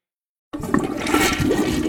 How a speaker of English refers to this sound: Honey, did you flush the toilet? No. Why? If there's some strange noise in your bathroom, it might be ghost flushing.